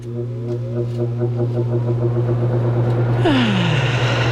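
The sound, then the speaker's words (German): An electric fan runs with a steady, droning motor hum. Near the end its tone slides downward as a louder, breathy whoosh of moving air swells up. No one speaks. “Der Ventilator, mein bester Freund an diesen Tagen.”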